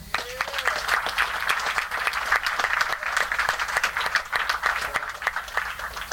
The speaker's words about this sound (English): He's been with us for quite a while, so we'd like to honor him with a big round of applause.